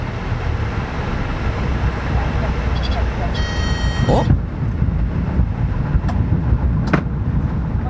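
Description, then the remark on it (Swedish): Steady, heavy engine drone fills an aircraft cockpit in flight, with muffled voices underneath, a brief high-pitched tonal whine partway through, and a couple of sharp clicks near the end. “Man hör, de pratar i bubblor där inne i cockpiten.”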